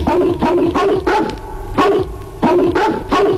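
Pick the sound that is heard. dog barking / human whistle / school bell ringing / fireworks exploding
dog barking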